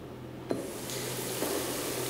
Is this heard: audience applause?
no